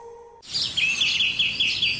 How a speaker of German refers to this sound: Hören Sie es? Die Vögel pfeifen's von den Dächern.